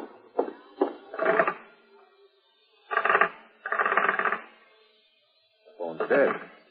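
A telephone receiver in a hallway is handled: a couple of sharp clicks, then bursts of rattling and jiggling separated by quiet gaps, with no tone on the line, its wire apparently cut.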